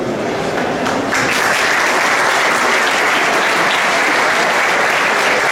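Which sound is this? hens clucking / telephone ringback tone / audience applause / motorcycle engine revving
audience applause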